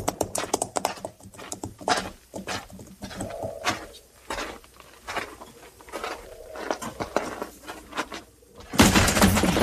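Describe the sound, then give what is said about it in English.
Hooves of several horses clip-clop and pound in a rapid, uneven patter, loud, with no talking, before a sudden harsh rush of noise at the very end. “And get those stolen horses rounded up.”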